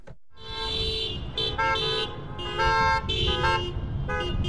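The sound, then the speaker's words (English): Several car horns honk repeatedly and overlapping, in bursts of varying length, over a steady low rumble of idling engines, loud, with no talking, as a line of cars, a fire truck and police cars snake through Petersburg in a noise parade for Missing and Murdered Indigenous Peoples Day. “A line of cars, plus a fire truck and some police cars, snake through Petersburg.”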